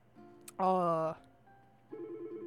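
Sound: telephone ringing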